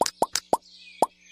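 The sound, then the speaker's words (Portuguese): Bubbles from Pico's toy bubble blower, from the Palaluz toys, pop one after another: six short, hollow plops in an uneven rhythm, with a faint high whistling tone lingering between them. “São as bolhas do pico.”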